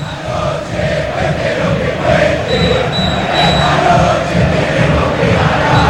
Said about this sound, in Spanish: Escuchá la bombonera, sentí la cancha de Boca como está en la previa de Boca y U Católica.